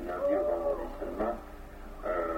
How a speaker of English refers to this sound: It's that owl. Same as before.